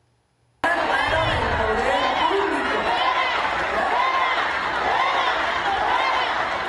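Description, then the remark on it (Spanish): A loud crowd at a public event shouts "fuera" at a protester speaking through a megaphone, many voices overlapping in a dense, agitated roar that starts abruptly and holds steady throughout. “En las imágenes se ve cómo el público le grita fuera a la manifestante con el megáfono,”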